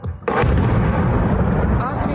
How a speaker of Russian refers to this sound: Курортный сезон в Крыму стартовал на фоне масштабных атак ВСУ по объектам инфраструктуры. С начала июня жители аннексированного России полуострова каждую ночь слышат стрельбу и взрывы.